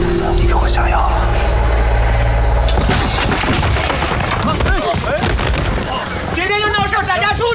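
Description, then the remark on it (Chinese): A shop being smashed as a fight suddenly breaks out: loud crashes and splintering wood break out over a low rumble and keep going in a chaotic burst, while people shout. “把店砸了！ 突然打起来了”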